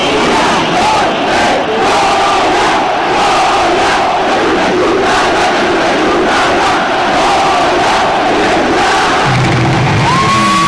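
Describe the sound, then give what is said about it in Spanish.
At the end of a match, a large crowd led by Efraín Juárez chants the Goya cheer: a loud, sustained roar of many voices shouting together for about eleven seconds, with a rising whistle-like tone near the end. “Para que se sientan un poquito mejor, ahí les va este Goya al final del encuentro encabezado por Efraín Juárez, que es una gloria.”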